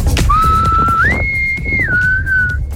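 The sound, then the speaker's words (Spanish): A person whistles a short, clear melody: a held note that slides up to a higher sustained pitch, then drops back down, over a low background rumble. “¿Cómo era el silbido?”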